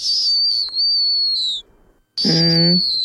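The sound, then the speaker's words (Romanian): A snowy owl call: two long, high, steady whistling cries separated by a brief silence, the second one rougher with a buzzy lower tone underneath. Fairly loud, with no talking. “Este sunetul scos de o bufniță polară.”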